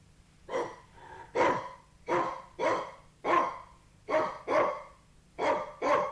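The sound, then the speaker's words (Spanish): A small white dog barks about nine times in quick succession, sharp yappy barks often falling in pairs, clear over a faint low background hum, with no talking. “Con terror vi que era un perrito blanco fino, pero en aquella tierra de gigantes tenía el tamaño de un elefante.”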